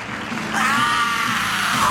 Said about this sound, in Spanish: Buen grito, hermano.